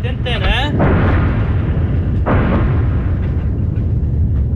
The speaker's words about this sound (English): And that was a really big boom. Another airstrike in the location near Ali al-Tahrir Hill, where Israel says it detonated a series of tunnels in a Hezbollah command center recently.